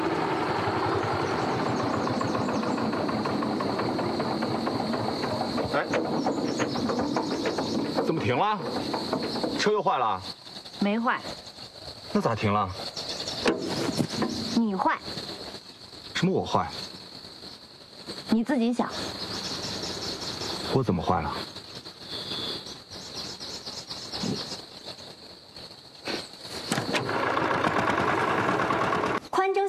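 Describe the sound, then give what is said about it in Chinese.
A tractor engine runs with a steady, rumbling idle that drops away in the middle, where voices speak over sputtering bursts, then roars back up near the end. “我家拖拉机，我不找你找谁啊？”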